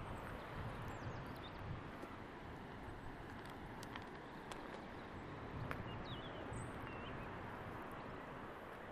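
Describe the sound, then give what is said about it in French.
Faint, scattered bird chirps rise now and then above a steady wash of outdoor ambient noise, with a traffic-like rumble underneath and no one talking. “Vous entendez les oiseaux.”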